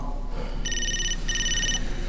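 A telephone rings in two short bursts, each a bright, rapidly trilling electronic tone with a pause between, heard over a steady low background hum.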